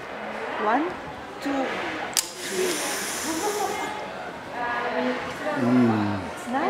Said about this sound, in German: Eine Schokopulver-Schnupfmaschine. Ich sage 1, 2, 3 und bei 3 schniefen Sie ganz stark. Okay? Perfekt.